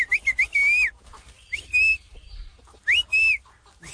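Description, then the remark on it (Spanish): A person passing in front of a friend's house whistles a signal call to him: quick chirping notes, then a long sliding tone, repeated after a pause, loud, with no talking. “Y pues así como se comunicaban, él le chifla.”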